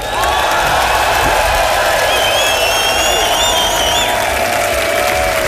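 An audience applauds loudly and steadily throughout, a dense wash of clapping with shouts and high whistling cheers rising above it, no one speaking.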